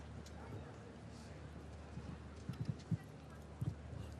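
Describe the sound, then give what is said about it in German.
Hoofbeats of Inouk von Verdi, a 13-year-old mare ridden by a Swiss rider in a show jumping arena, land as soft, dull thuds in uneven clusters during the second half, faint against a steady low rumble of background noise. “Mit Inouk von Verdi, 13 Jahre alt, die Stute.”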